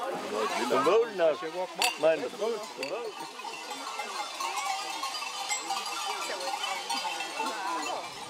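A flock of sheep arriving home with drovers after crossing the mountains bleats in overlapping, wavering calls, while small bells clink and jangle among them as they move, loudest in the first couple of seconds.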